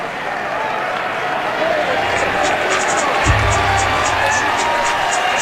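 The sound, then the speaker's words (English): A ballpark crowd applauds steadily throughout, acknowledging Chase Williams coming into the game to run, a broad wash of clapping and murmur with scattered higher claps and a brief low thump partway through. “Crowd acknowledging Chase Williams coming into the game.”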